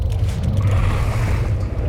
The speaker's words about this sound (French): Ah non ! Un bateau de pêche ! Fuyons !